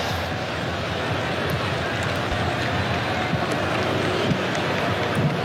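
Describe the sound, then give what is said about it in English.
A stadium crowd at a soccer match involving Morocco cheers, happy for a reprieve from the sunshine, in a loud, continuous roar that holds steady from start to finish, a dense wash of many voices with no clear swells or breaks. “And the crowd, you hear the big cheer from them.”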